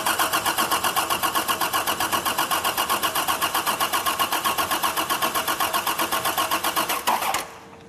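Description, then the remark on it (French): An old car engine turning over and trying to start, a fast, steady chugging rhythm, running a little roughly, that runs loud and even for several seconds before suddenly cutting out. “Il est vivant!”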